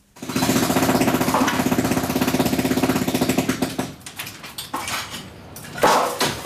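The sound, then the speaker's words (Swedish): A jackhammer hammers loud in a rapid, steady rattle for about four seconds, then cuts out, leaving scattered clanks and crashes of debris as a Palestinian house in East Jerusalem is demolished by its owner with a jackhammer and hammer drill. “Det är ägaren själv, Mujahed Badran, som med borrhammare och slagborr förstör sitt eget hus.”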